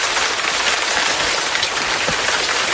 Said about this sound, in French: Mais il y a aussi la pluie tropicale dont vous m'avez parlé, Jeanne Vintram. Cette fois-ci, la pluie équatoriale, elle peut être aussi douce et parfois aussi ravageuse.